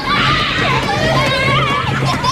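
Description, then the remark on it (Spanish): A busy park in summer full of children shouting and playing, many overlapping young voices forming a loud, continuous din with lively rising and falling calls. “Ahora están escuchando el mismo parque en verano, lleno de niños gritando y tocando los huevos.”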